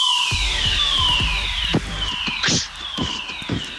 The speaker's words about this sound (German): Das Ding ist jetzt ein Feueralarm. Ist ein Feueralarm.